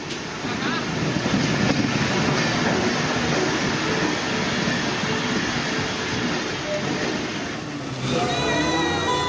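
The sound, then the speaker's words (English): A train rumbles steadily and loudly at Chhatrapati Shivaji Maharaj Terminus in Mumbai during heavy rain, a continuous clattering roar that barely lets up, with a faint whining tone rising near the end. “However, despite heavy showers, train services continue unabated as tracks remain free of flooding.”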